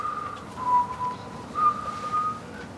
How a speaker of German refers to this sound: Was pfeifst du da für eine komische Melodie? Das ist ein Kirchenlied.